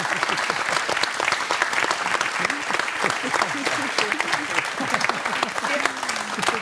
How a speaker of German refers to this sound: Du weißt, was deine Frau gerne macht, weil ihr seid nämlich seit mehr als 40 Jahren verheiratet und zwar glücklich verheiratet. Ja. Ja. Das ist schon mal ein Applaus wert.